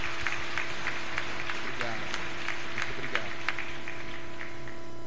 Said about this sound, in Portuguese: A comunidade saúda com a salva de palmas.